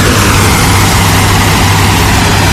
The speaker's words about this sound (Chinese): 这是下雨的前夜，也是明亮的黑夜。夜里10点，农机轰鸣声、无人机飞舞声在麦田里交织。